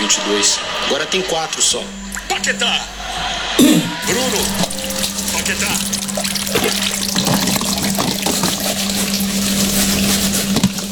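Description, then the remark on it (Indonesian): Tap water runs steadily into a sink while two people wash dishes together, a continuous hiss with occasional soft clinks, under people talking and a low steady hum. “Kita cuci piring barengan aja?”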